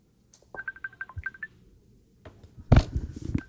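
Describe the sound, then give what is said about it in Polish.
An outgoing voice call dialing: a quick run of about nine short, evenly spaced electronic beeps at a steady mid-high pitch, followed by a burst of louder, rough handling noise. “To dzwonimy na rozmowę głosową.”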